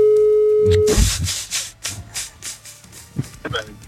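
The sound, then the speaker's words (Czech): A steady, low-pitched telephone tone hums for about a second as a phone number is dialed, then gives way to a run of rough, uneven rustling and rubbing bursts with faint murmuring underneath. “ale cukne mu tak, že vytočí číslo.”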